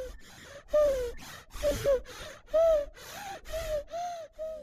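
A contented, well-fed baby breathes in a steady rhythm, each short breath carrying a soft, slightly pitched coo or grunt, repeating about eight times with brief pauses between.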